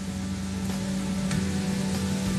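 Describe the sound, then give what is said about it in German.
A steady hiss of water spraying under pressure at a self-service car wash as a car is washed, with a constant low machine hum beneath it, running unbroken throughout. No one speaks. “Und da ich noch nie ein Auto in einer Selbstbedienungswaschanlage gewaschen habe”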